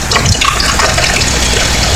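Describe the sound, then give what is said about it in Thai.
A steady, close stream of liquid pours continuously for about two seconds, a bright splashing gush like a drink filling a glass, with no one speaking. “เติมเข้าไปเลยนี่เป็นไงบ้างชุ่มฉ่ำไหมฮะนี่ชุ่มฉ่ำอุรามากๆเลยฟังเสียงแก้วนะครับ”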